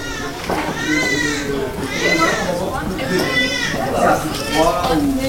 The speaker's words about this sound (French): Bon, là on va arriver, je pense que ça va être un peu la folie, c'est l'heure des soins le matin. Donc là on a deux services de suite de couches. Ben, on entend déjà crier. On va passer devant la nurserie.